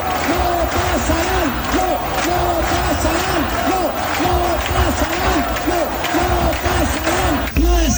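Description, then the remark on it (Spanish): A large crowd at a rally called by the collective Ama Asturias chants the protest slogan "no pasarán" in unison, the same short rising-and-falling phrase repeated in a steady rhythm, loud and continuous over a dense roar of voices. “Al grito de no pasarán, los asistentes fueron convocados por el colectivo Ama Asturias”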